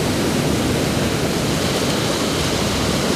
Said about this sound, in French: Juste derrière, c'est le ressac des vagues.